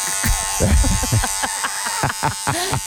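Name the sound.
electric hair clippers buzzing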